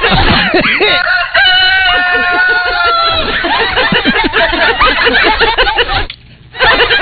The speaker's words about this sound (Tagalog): Gising na yung manok ah.